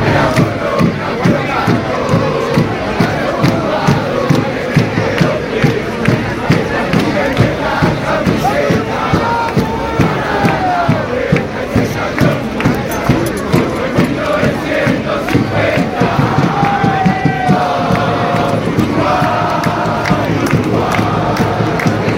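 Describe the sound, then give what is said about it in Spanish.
Uruguayan football fans chanting together in a stadium in support of their national team, a loud, continuous mass of voices with a steady rhythmic pulse and occasional rising shouts, sustained for the whole stretch. “La afición uruguaya, eso sí, responde a los suyos.”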